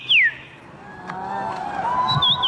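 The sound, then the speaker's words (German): A person whistles an imitation of birdsong at the annual bird-voice imitation championship in Warsaw, Poland: a sharp downward chirp, then wavering sustained tones and a quick high trill, over faint background murmur. “Denn in der polnischen Hauptstadt findet einmal im Jahr die Meisterschaft im Nachahmen von Vogelstimmen statt.”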